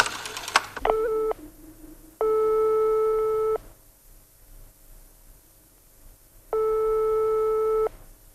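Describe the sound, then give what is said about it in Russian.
In a phone booth, a few quick clicks as a coin is dropped in and a number dialed, then a telephone line tone: a steady, buzzy mid-pitched beep sounding three times, each lasting over a second, separated by long quiet gaps, with no voices. “Он забрался в раскаленную духоту будки, опустил монету и набрал номер.”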